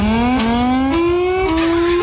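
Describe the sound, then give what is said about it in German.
A loud, harmonic-rich wailing US civil defense warning siren climbs in pitch in a few stepped rises with brief bursts between them, sounding harsh and engine-like, with no voices present. “Ich habe gerade mal ein bisschen recherchiert, in den USA zum Beispiel, da klingt die Sirene wie so ein Starterfeld von Formel-1-Rennen.”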